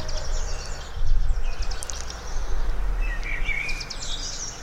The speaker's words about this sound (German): Oh, die Amsel finde ich ja so schön. Hörst du das?